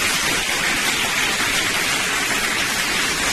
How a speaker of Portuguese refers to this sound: Mais palmas, mais palmas, mais palmas, mais palmas. Uma multidão de palmas agora.